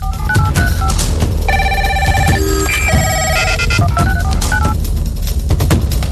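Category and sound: household object, telephone bell ringing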